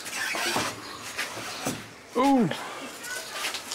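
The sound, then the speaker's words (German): A door in a house where macaws fly free swings open and is let go, with a brief, loud hinge squeak that rises and falls, surrounded by soft knocks and handling noises, with faint voices. “Mach die mal los, ein bisschen die Tür. Ja, dann lass ich los, ja?”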